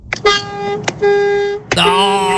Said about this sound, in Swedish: Alltså jag vill att du testar. Jag vill höra lastbilstutan alltså.